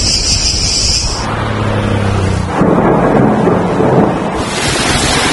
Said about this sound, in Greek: οι ισχυρές καταιγίδες και οι θυελλώδεις άνεμοι ήταν τα κύρια χαρακτηριστικά της κακοκαιρίας που έπληξε τη Βόρεια Ελλάδα.